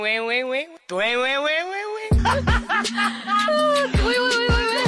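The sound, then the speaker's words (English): A voice imitates a phone message ping with a loud string of sung, rising tones that slide upward, followed by a quicker, busier run of chirpy vocal notes. “Your phone pings with a message saying they're already there.”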